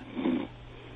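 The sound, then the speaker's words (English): A single short, raspy snore from a caller in Inglewood, California, on the Coast to Coast AM wild card line comes through a thin, muffled phone line, a low rumbling breath lasting under half a second before fading into quiet line hiss. “I think I heard a snore in there.”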